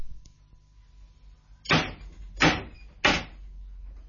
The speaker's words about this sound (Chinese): 好，你拍门啦。 你哋准备啦。